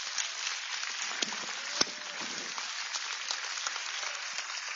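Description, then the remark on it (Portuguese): An audience claps together to glorify God in a dense, steady wash of applause, with a few sharper individual claps standing out above the continuous crackle and no voices heard. “Pode glorificar Deus com as suas palmas.”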